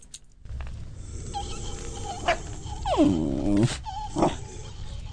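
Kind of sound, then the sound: animal, dog growling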